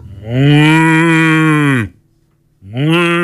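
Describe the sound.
A person imitates a cow's moo, with a hand in front of the mouth, making a long, loud, droning call, a brief pause, then a second moo beginning. No other voices or sounds are present.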